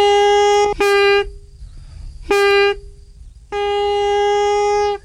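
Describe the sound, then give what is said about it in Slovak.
A homemade pískor, a whistle of willow bark cut with a small knife and twisted off, is blown in three steady, reedy, buzzing blasts at one mid pitch. The first is briefly broken, the second is short and the last is longest, with no talking. “Pískor? Pískor. To je ako na gajdách, že?”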